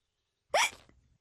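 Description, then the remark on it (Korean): One sharp, loud hiccup during a game of catch with a ball in a yard, a quick voiced catch of breath that rises in pitch and trails off into a brief, soft tail. Nobody speaks. “딸꾹질 때문에 공놀이가 잘 안 되는군요.”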